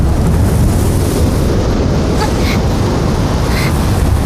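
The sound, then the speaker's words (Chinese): Strong wind roars steadily, buffeting the microphone with a dense low rumble and broad hiss that stays loud for the whole stretch, with a few faint higher whistling tones breaking through. “这么大的风， 是不是太勉强了？”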